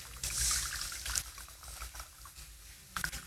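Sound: water flowing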